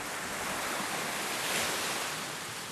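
Ocean waves wash steadily against the shore in a continuous hiss of surf, swelling slightly midway through, with no voices present.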